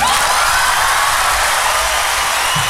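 A crowd applauds steadily at the end of a live song recording, a dense wash of clapping with a few faint cheers and whoops mixed in, holding at an even, loud level throughout.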